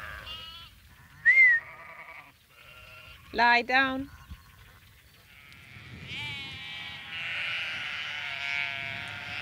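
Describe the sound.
A flock of sheep being herded with a sheepdog bleats, one loud wavering bleat standing out early, then a steady overlapping chorus of higher bleats in the second half, with a short spoken command to the dog heard before.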